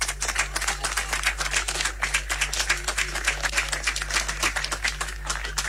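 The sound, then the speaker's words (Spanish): A crowd at the procession of the Virgen del Carmen in Curicó applauds the sanderos and camareras with dense, steady clapping that keeps going for about six seconds at an even level, over a low constant hum. “Así que démosles un fuerte aplauso.”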